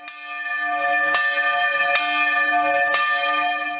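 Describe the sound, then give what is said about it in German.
The church bells of Maria Alm in Pinzgau, Austria, ring out loudly and steadily on a Sunday, their rich overlapping tones sustained throughout, with clear new strikes landing roughly once a second over a continuous resonant hum. No voices are heard. “Seit einer Woche bleibt das Glockenläuten in der Gemeinde aber aus.”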